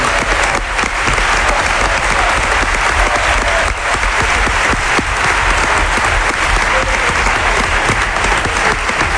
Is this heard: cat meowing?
no